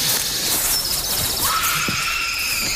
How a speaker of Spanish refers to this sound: ¿Habéis oído eso? Sí, parecía un grito, ¿no? O algo así. La verdad es que bastante inquietante.